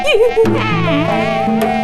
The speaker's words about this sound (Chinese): 是蚊子的声音。是你，我们明明听到蚊子的嗡嗡声。 你没听错，蚊子就在我旁边。